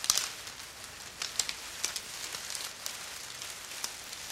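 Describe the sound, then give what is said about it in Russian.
A campfire, lit with paper, matches, a handful of dry leaves and branches, crackles softly as the branches catch, with scattered sharp pops and snaps over a steady hiss, fairly quiet, with no voices. “Подбросили ветки. Люди молча следили за тем, как разгорается огонь.”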